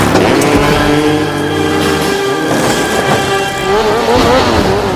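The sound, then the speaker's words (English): A loud engine roars and revs continuously, its pitch rising and shifting as a motorcycle accelerates hard up a shrine and rides off it, with no voices over it. “rides the motorcycle off the shrine”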